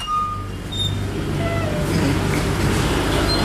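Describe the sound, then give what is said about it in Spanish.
A steady, loud low-pitched mechanical hum of freezer motors running continuously in a bank storing donated samples, with a broad whirring drone and faint higher tonal whines layered on top throughout. “Y aquí, como escucharán, pues hay un ruido de los motores de los congeladores, doctor.”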